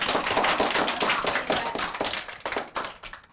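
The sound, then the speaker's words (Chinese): A burst of applause from a group of children in a class, dense overlapping hand claps at a steady loud level, thinning out and fading toward the end. “还有，掌声。”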